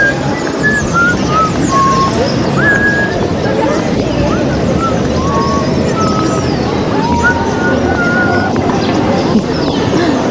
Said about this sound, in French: Ah ben je vais pouvoir écouter ce que j'étais en train de siffler. Tu sifflais quoi?